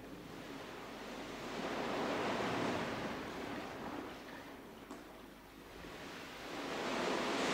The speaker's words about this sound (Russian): И вот уже глухо шумит Адриатическое море. Вдоль его берегов огромным серпом изогнут город Триест.